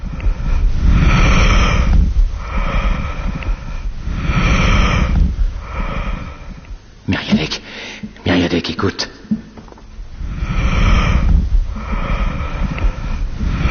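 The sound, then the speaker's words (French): Muffled, whooshing vesicular breath sounds of the lungs heard through a stethoscope, the alveoli folding and unfolding with breathing, rising and falling in a steady rhythm over several cycles, pausing briefly while a voice speaks before the breathing resumes. “Oui, les murmures vésiculaires des alvéoles qui se plissent et se déplissent selon la mécanique respiratoire.”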